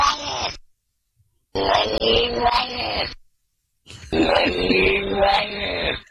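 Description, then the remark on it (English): A cat's yowls played backwards: three loud, strained moaning bursts with a warped, swelling quality, separated by short silences. “That cat sounded evil before you turned it around backwards even.”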